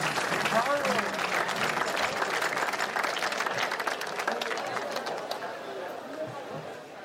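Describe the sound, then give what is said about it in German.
An audience applauds steadily as performers are welcomed on stage, a dense crackle of many hands clapping at once with some crowd chatter mixed in, sustained for several seconds and fading slightly toward the end. “Applaus, Applaus!”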